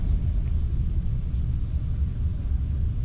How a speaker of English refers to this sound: MiG-21 flying by the studio here.